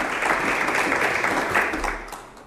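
An audience applauds a guest after a short history talk, live on the radio show Onda Viajera from Valladolid. It is a dense, steady wash of many hands clapping together, loud, tapering off slightly toward the end.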